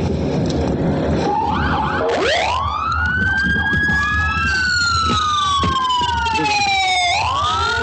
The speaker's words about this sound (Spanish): Y vamos a escuchar cómo sonaba este banderazo de salida y las sirenas.